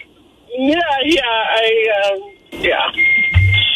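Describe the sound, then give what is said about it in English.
A high, steady electronic beep rings out near the end, like a kitchen timer going off, following a stretch of voiced vocal sounds. “What is that beeping? I think the French fries are ready.”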